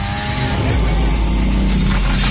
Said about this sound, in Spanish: ¿Y ese ruido que oigo qué es? ¡Una motosierra, Francisco! ¿Una qué? ¡Una motosierra! ¡Máquinas que están cortando los árboles!